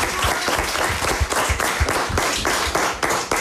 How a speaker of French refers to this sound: Et comme nous sommes en public, puisqu'il y a toute l'école qui est là devant nous, je propose qu'on applaudisse tout le monde.